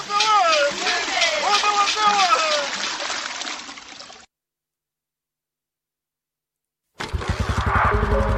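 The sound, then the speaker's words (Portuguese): Talk over a watery, splashing backdrop gives way to a silent pause, then a motorcycle engine kicks in, loud, with a rapid, throbbing low rumble. “Em toda a província de Tete, a moto tornou-se parte do nosso dia a dia.”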